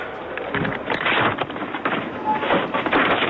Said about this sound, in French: Moi, je veux entendre dans le supermarché. Je veux l'ambiance.